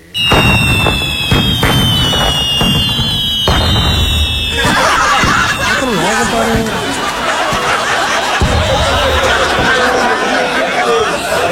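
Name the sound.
firecrackers exploding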